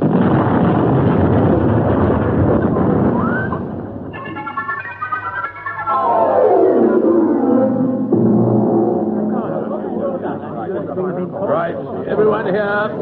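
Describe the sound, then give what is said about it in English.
A loud, rumbling sewer gas explosion roars for several seconds in the sewers, followed by a falling whistle-like tone and more rumbling debris noise as voices clamor underneath. “You must strike a match. There are gases down here in the sewers. Could be a nasty explosion.”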